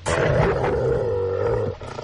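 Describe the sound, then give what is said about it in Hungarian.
An angry dog lets out a loud, deep, snarling growl that holds steady for nearly two seconds before breaking off, with a faint rumble trailing after. No one speaks. “Fogják meg a kutyát, emberek.”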